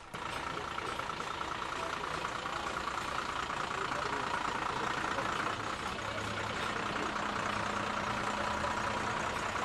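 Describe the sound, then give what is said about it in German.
The engine of a parade float carrying a theatre group from Niederlauterstein idles steadily, a continuous low rumbling drone that holds level throughout, with faint crowd noise mixed into the background. “Der nächste Wagen mit Theatergruppe aus Niederlauterstein.”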